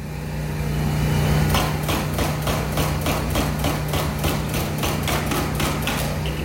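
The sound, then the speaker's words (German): A street construction site in Reykjavik's city centre, where a road has been torn open to lay new pipes and lines: steady, rapid hammering strikes start after a moment and repeat evenly over a constant low engine drone, fairly loud, with no one talking. “Eine der vielen Baustellen in der Innenstadt von Reykjavik. Eine Straße ist aufgerissen, es werden neue Leitungen verlegt.”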